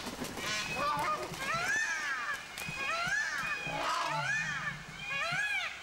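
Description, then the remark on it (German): Several geese spread their wings and run, honking and cackling loudly and continuously, their harsh nasal calls overlapping in rapid bursts, excited, with some movement noise underneath. “Aber die gehen da wirklich mit Enthusiasmus, breiten sie die Flügel aus und fangen dann das Rennen an und schnattern ganz laut und führen sich auf.”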